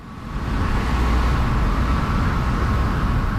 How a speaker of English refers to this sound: Yes, you're hearing traffic outside a building called Main Rooms. It's at the foot of Main Street on the downtown east side. It's a busy, bustling neighborhood, trucks and cars and a lot of people out